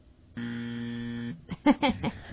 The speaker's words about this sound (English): Ooh, I do have a buzzer button. Hold on. No, you're wrong on that one, too.